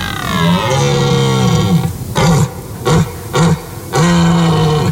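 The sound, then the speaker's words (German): A red deer stag bellows during the rut: a long, deep drawn-out roar, then three short grunting barks, and another sustained bellow, loud with no talking. “Da brüllt kein Bär, das waren die Brunftschreie von einem Hirschen.”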